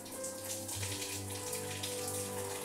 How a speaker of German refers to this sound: Hier vorne stressen wir sie eben nicht, sondern dann wird der Rücken und werden eben die Flossen mit kaltem Wasser benetzt, damit sie darüber entsprechend jetzt ein bisschen Kühlung bekommt.